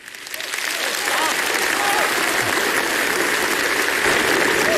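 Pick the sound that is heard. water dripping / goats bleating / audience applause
audience applause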